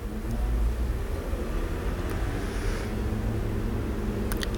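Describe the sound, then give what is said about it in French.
Steady low rumble of traffic on Boulevard Saint-Germain, with cars, vans, motorbikes and taxis passing, a continuous engine drone and a few faint higher clicks near the end; no one speaks. “Des voitures, camionnettes, motos.”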